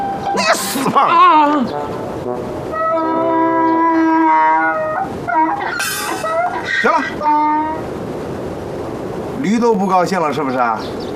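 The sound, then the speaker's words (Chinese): A person mimics a donkey's bray, loud, strained hee-haw cries rising and falling in several drawn-out bursts, with harsh gasping intakes between them. “行了，驴都不高兴了是不是？”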